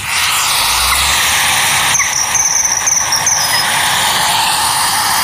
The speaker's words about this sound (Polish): Kurczę, my już tego zimorodka możemy zaprezentować? Tak, teraz się skupmy, bo uwaga, nadlatuje zimorodek.